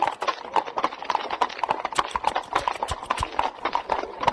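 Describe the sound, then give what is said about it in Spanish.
Rapid hoofbeats clatter in a fast, steady galloping rhythm, a dense run of sharp clip-clop strikes that carries on without pause. “Hoy le suelto los caballos, pero se los voy a soltar a manera de galope.”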